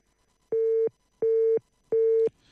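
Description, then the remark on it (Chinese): A telephone busy signal on a failed call to reach someone during a football match broadcast: three identical steady mid-pitched beeps, evenly spaced with short silent gaps between them, sounding alone at a moderate level. “好，我们稍后再来尝试联系一下方亮。”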